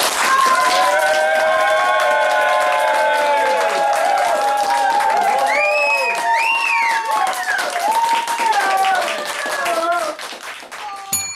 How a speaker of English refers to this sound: That was more clapping than the usual, wasn't it? Yeah, it was longer, the clapping. I've redone bigger it. Bigger applause. I'm adding bits on.